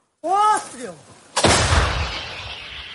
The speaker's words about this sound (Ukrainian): До самої гармати біжимо швидко. За лічені хвилини бійці знімають маскування. Наводяться, після чого перший пристрілочний постріл.